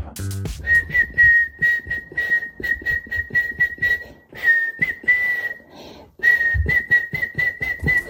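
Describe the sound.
Someone whistles a catchy pop song melody, clear, in quick rhythmic phrases of repeated notes, pausing briefly partway through before carrying on, with no talking.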